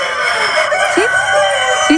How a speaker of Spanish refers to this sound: Sí, no son personas, son gallos. Pero están concursando en algo. Están concursando.